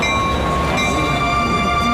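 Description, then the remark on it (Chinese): A train bound for Nanjing pulls away from a station: a loud, steady mechanical rumble with sustained whining tones running throughout, with no voices. “各位旅客马上就要发车了，把行李放好，注意安全。”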